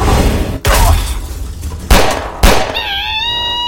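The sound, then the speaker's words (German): Three sharp gunshots firing silver bullets crack out at uneven intervals over a rumbling background, the last followed by a sustained, wavering high-pitched ringing tone. “Silberkugeln bringen uns hier nicht weiter. Ich hatte gehofft, dass er fliehen würde, wenn wir ihn damit verletzen.”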